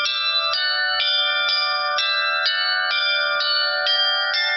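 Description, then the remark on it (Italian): A newly cast bell rings for the first time in quick, steady strokes, about ten strikes roughly half a second apart, each bright metallic tone ringing on into the next. It is loud, with no voices. “Quando sentiamo per la prima volta il rintocco di una nuova campana è un momento emozionante.”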